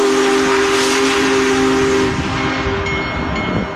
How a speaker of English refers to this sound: Big Boy, the world's largest operating steam locomotive, chugged into St. Louis yesterday and today at Union Station.